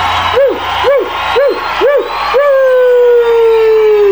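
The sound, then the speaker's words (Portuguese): A dog gives four quick, evenly spaced yelping barks, then breaks into one long, drawn-out howl that slowly trails downward. Loud, with no talking. “É o cachorro aí que tá latindo aí, avisando a todos vocês.”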